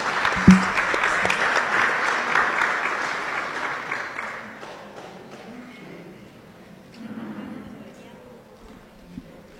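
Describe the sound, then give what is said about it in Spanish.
An audience claps together in a dense, loud burst of applause lasting a few seconds for members of the dioceses' social pastoral teams, then it tapers off into quieter faint voices and murmuring. “Aplauso también para ellos.”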